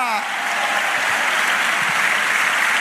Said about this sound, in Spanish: Dale aplauso al Señor. Dale aplauso, alaba a la iglesia.